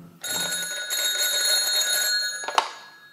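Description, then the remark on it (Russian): A telephone bell rings loudly and continuously for a couple of seconds, a rapid metallic trill, then stops abruptly with a click as if the receiver is lifted; the phone is in Oberleutnant Schulze-Boysen's office on the morning of 30 August 1942. “Обер-лейтенант Шульце Бойзен у телефона.”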